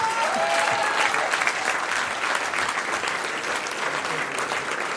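Sustained audience applause, a dense steady wash of many hands clapping at an even loudness for the full five seconds, with faint crowd voices mixed in.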